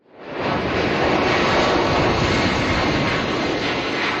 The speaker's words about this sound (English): That is the sound of an evacuation flight lifting off from the Canary Islands with Canadians on board. They are part of a high-stakes operation to clear a cruise ship crippled by a deadly hantavirus outbreak.